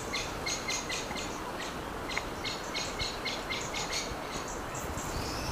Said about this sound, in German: Oh, die Vögel.